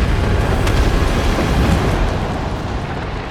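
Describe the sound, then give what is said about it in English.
Heavy gunfire from circling hovercraft rains down on a building's roof, a loud, continuous roar of rapid impacts with a few sharper cracks standing out. Relentless, with no voices. “She ducks as gunfire rains down on the roof.”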